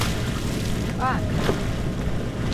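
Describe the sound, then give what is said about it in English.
Oars sculling a boat on the Cuyahoga River, a steady outdoor wash of water and wind noise with a brief high call rising over it about a second in. “Sculling on the Cuyahoga River.”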